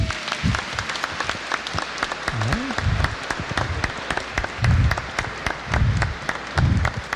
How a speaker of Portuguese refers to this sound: Onde é que estão as palmas para as crianças?